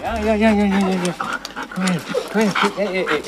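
Scud, an excited grey-and-white female husky at the Korbach animal shelter, whimpers and whines in long, high-pitched wavering tones on seeing her leash and harness, then yelps in short arching bursts between quick, heavy panting, fairly loud.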